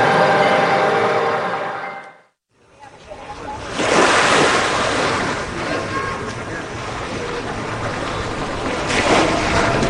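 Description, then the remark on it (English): Harbor water washes and sloshes against Hyde Street Pier in San Francisco on a brisk Sunday afternoon, where an old paddle steamboat bobs in the shallow water, in a steady wash of noise, with gusts of wind on the microphone and a brief drop to near silence early on. “Just past the edge of the dock, an old paddle steamboat called the Eureka bobs in the shallow water.”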